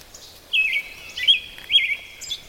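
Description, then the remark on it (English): An American robin sings a run of clear, warbled phrases in three or four bursts by a trail, standing out against a quiet outdoor background. “Well, the robin's still singing and the bird did stop singing.”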